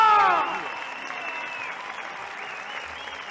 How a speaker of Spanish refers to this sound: ¡Ese aplauso! ¡Arriba!